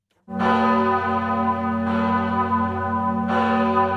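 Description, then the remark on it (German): The large bell of the parish church in Appenzell rings loudly at 4:30 in the morning, with deep sustained tones; fresh strikes land about every one and a half seconds over a long, humming resonance. “Einmal im Jahr läutet die große Glocke der Pfarrkirche in Appenzell schon um 4:30 Uhr morgens.”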